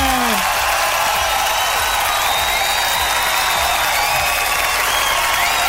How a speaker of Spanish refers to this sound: Así es, señores y señores, aplauso para el horóscopo largo.